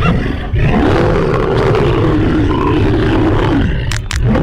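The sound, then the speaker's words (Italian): A lion lets out a deep, sustained roar lasting several seconds, loud, with a gravelly growling texture and a brief sharp burst near the end, as it springs from the tall grass and pounces on a horse grazing alone. “Il leone scatta come un coso e con un balzo e una centra in faccia gli è già addosso.”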